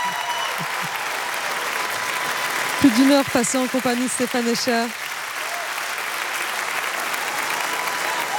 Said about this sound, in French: Les applaudissements ne s'arrêtent pas.